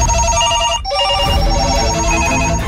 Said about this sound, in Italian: Sente questi telefoni che non smettono di suonare? Vogliono tutti Marco. L'affetto per la fattoria di Radio Norba è pazzesco.